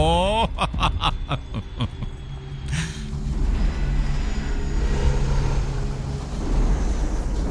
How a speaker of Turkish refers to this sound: Şuna bir bak. Kargo uçağı. Görüyor musun? Brezilya'nın.